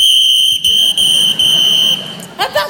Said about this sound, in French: Je tiens à vous signaler que si j'ai ce petit sifflet, c'est pour prévenir en cas de pépin. Hein. Sachez que j'hésiterai pas à m'en servir.